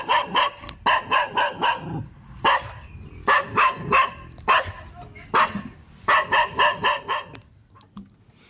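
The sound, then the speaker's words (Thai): A small dog barks in rapid, high-pitched bursts, yapping in quick runs of four or five with short pauses between, then a few single yips before trailing off. “บอกว่าหมาเห่าค่ะเป็นหมาตัวเล็กนะคะเพราะว่ามันเจอคนแปลกหน้าก็เลยเห่าค่ะ”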